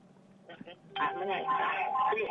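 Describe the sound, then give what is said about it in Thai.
A telephone rings with a bright, buzzy electronic tone as a listener's call comes in to a radio call-in show, starting abruptly and holding steadily for over a second, loud, after a brief softer sound. “นี่สายเข้ามาสวัสดีค่ะ”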